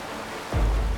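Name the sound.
rushing river water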